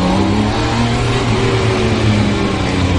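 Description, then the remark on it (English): A T-Rex three-wheeled car's engine, driven in Montreal, Quebec, revs loudly and continuously for the whole stretch, a low, buzzing drone whose pitch swells slightly midway before settling, with no voices over it. “When Stephen Beard heard about this new three-wheeled car, he put away the prejudices of his English childhood”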